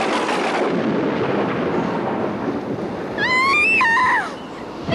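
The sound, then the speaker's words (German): A loud, steady roar of stormy wind fills the scene with a low rumbling, and a wavering howl rises and falls briefly over it toward the end. “Es gibt einen Sturm!”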